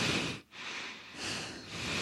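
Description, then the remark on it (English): Someone imitates the heavy breathing of a person right behind them: a long, airy exhale, a brief pause, then another drawn-out breath, loud and noisy with no words. “They're breathing heavy or they chew too loudly.”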